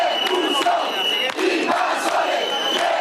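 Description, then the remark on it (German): An angry crowd of demonstrators at a beach in Spain, held back by police, shouting together "Deport the invaders" at migrants: a loud, dense roar of many voices with overlapping yells rising and falling, continuous throughout with no clear individual words. “Schiebt die Invasoren ab, rufen die Demonstranten, versuchen einen Wagen des Roten Kreuzes mit Wasser und Lebensmitteln an der Einfahrt Richtung Strand zu hindern.”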